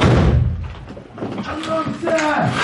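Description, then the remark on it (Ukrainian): A heavy, booming impact at the start as soldiers smash in a door during an assault, followed by raised voices shouting over a rough background. “Ну, давай знеси двері,”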